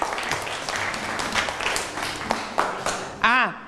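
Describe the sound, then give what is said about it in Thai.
A classroom of students bursts into scattered group clapping for a classmate who answered a question, a dense patter of many hands lasting a few seconds, with a brief tonal warble rising near the end. “อ่ะดีมากเอาปรบมือให้เพื่อนหน่อยครับ”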